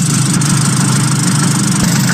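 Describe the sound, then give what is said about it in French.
A Piaggio Vespa scooter engine runs steadily, a loud, continuous metallic buzz with a low throbbing hum and no pauses or speech over it. “Un bourdonnement métallique singulier.”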